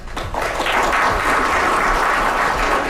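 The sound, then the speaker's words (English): A crowd of about 50 people at a celebration marking a historic site designation, gathered in a historic old terminal, applauds steadily, with dense, continuous clapping that swells in the first half-second and then holds loud and even, with no voices standing out. “A crowd of about 50 people gathered in the historic old terminal.”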